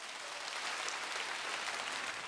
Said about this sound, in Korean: 네, 깨끼풍류 지영이째 경기시나위 무대입니다. 얼씨구 큰 박수 부탁드립니다.